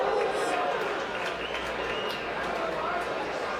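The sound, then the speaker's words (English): A large baseball crowd lets out a collective groan that swells into oohs and ahs at lightning in the distance, a broad wash of many voices without any single word standing out. “Oh, and the groan and the ooh and the ah from the crowd. That was because of lightning off in the distance.”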